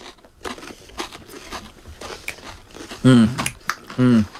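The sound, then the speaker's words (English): Crunchy chewing of a crisp corn chip scoop taken whole in one mouthful rather than bitten: a run of irregular crackling crunches, followed by a brief voiced murmur at the end. “You can't bite it because it'll go all over you. You got to take the whole thing.”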